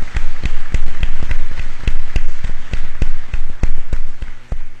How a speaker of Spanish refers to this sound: A cada uno de ellos también vamos a brindarle un fuerte aplauso.